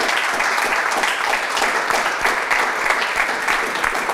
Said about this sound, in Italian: C'è un applauso.